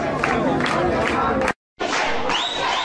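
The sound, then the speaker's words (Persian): A loud crowd shouts and roars together in dense, overlapping voices, cutting out abruptly for a brief moment before the clamor resumes just as strongly. “فریاد بزن.”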